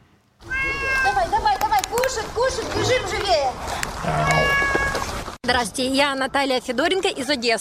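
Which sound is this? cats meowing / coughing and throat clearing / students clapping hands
cats meowing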